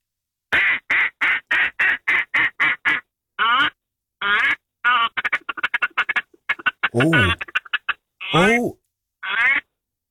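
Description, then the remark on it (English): A duck call blown in quick bursts to call ducks: a rapid staccato string of nasal quacks, the feeding call, followed by longer drawn-out honking calls, loud with short pauses between. “Do you mind firing out a couple of duck calls for us”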